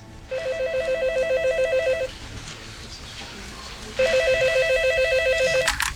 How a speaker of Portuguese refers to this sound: Logo no dia seguinte, meu telefone tocou.